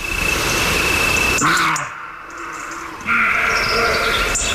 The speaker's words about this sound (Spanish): Las hoces del Duratón. Ahí de noche, pues en el Riaza, que se acerca de noche, un corzo está ladrando y ladra dentro de una enorme caja de resonancia.